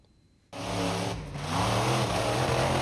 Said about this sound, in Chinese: 网传视频显示，事发时一辆参加表演的怪兽卡车在通过地面障碍时突然失控，轰鸣着向其右侧的观众群奔去。